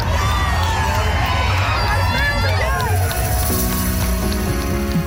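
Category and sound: crowd, parade crowd cheering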